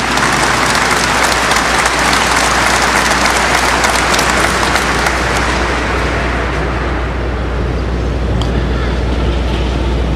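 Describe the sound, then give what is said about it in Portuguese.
An audience in a sanctuary applauds the word of God after the Gospel reading at a Mass, a sustained, loud burst of dense clapping that holds steady for several seconds, then thins slightly toward the end, with a low constant hum underneath. “Uma salva de palmas à palavra de Deus.”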